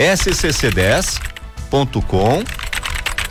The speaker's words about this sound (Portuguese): Esse rapaz digita rápido demais, eu nem terminei de falar o endereço, você já terminou de digitar para mim, né?